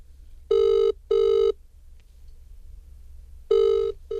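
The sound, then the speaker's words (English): A telephone ringing as calls come through, in a classic double-burst pattern: two short electronic trills, a pause of about two seconds, then another pair beginning, loud over a faint low hum. “Okay, let's see what happens when I try and ring it.”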